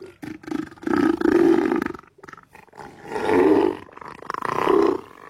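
Neil the Seal, a 1,000-kilogram giant seal on the Australian island of Tasmania, roars in three long, deep, guttural bellows separated by short pauses, loud and raspy with a belching quality, and no voices alongside.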